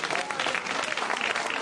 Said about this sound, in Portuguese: Glória a Deus, 3 bênçãos, hein? Amém? Palmas para Jesus, tá vendo, irmãos?